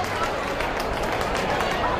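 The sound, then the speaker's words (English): A large baseball stadium crowd of over 38,000 at a Braves and Cubs game roars and cheers after a great catch, in a dense, continuous wash of noise that stays loud and steady for a couple of seconds, with many voices blending together. “Sounds like somebody right under us made a great catch. We couldn't see it. The crowd went crazy down there.”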